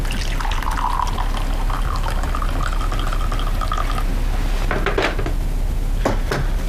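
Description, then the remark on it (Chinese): Tea pours steadily into a cup, a continuous trickling stream whose tone climbs as it fills for about four seconds, followed by a couple of light clinks of china. No one speaks. “来，喝点茶吧。”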